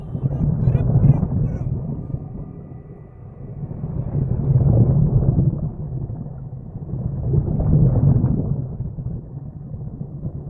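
Huge sea waves surge and crash in three heavy, rumbling swells, each rising to a roaring peak and ebbing, with a constant deep, wind-like churning of water between them.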